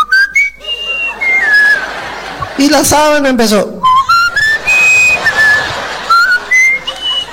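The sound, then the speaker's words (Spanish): Someone whistles a flute-like tune of short, high, sliding notes, breaking off midway for a brief spoken phrase before the bright whistled melody resumes. “Cuando estaba allí en la sábana, la abuela tiró la flauta y se zampó a la cama, ¿no?”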